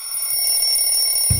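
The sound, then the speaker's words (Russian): A telephone bell rings steadily and fairly loudly with a bright, sustained electronic tone, no voices present, ending in a brief low thud. “Всегда хочется на это ответить.”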